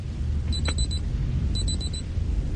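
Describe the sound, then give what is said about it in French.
A person imitates an alarm clock with their mouth, live, making high, electronic-sounding beeps in two quick bursts of four, separated by a short pause, over a steady low rumble. “Écoutez, je vais vous faire le bruit du réveil avec ma bouche.”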